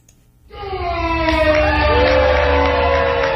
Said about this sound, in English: The level of cheers from the crowd determined which wine would move forward to semifinals and finals.